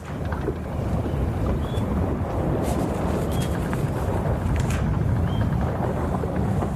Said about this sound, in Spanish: Cada viaje tiene un sonido propio. Por eso hoy te mando la postal sonora desde la cubierta de una carabela.